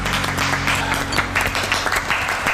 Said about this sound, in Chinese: 为自己刚才的精彩表现 鼓掌， 鼓掌。